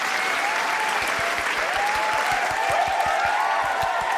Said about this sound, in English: The applause is for you.